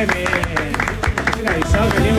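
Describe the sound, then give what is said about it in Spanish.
Steady applause from a crowd welcoming a group of guests on a Bio Televisión broadcast, a dense run of overlapping claps that holds at an even, fairly loud level for a couple of seconds, with voices and a low hum blended underneath. “Bienvenidos, fuertes aplausos.”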